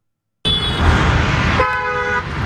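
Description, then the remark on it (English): Steady roar of highway traffic on I-5 in San Diego's North County, along the hillside by Marine Corps Base Camp Pendleton, cars rushing past, then a loud car horn blares and holds for about a second before the traffic noise continues. “Each week, more than 1 million cars pass by miles of hillside on I-5 on this stretch of highway in San Diego's North County.”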